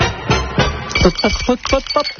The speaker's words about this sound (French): vous avez entendu qu'il fallait faire 6 glaçons. Allez, je vous les donne. Allez, dans le verre.